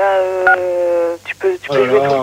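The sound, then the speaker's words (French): A telephone keypad, being played with, sounds a sustained electronic tone for about a second, then a few shorter beeps follow, with people talking. “Bon, celui qui s'amuse avec le téléphone, c'est pareil.”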